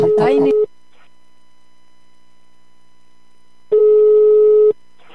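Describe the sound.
A telephone call tone sounds in two steady, mid-pitched beeps, each roughly a second long, separated by about three seconds of silence. A brief voice overlaps the first beep.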